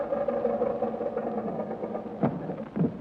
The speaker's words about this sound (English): Now let's take her down and tell the world we invented the aeroplane. Okay, take her down.